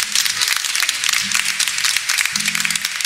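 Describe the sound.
A crowd applauds steadily, a dense wash of clapping that carries on for a few seconds, with a voice talking faintly underneath.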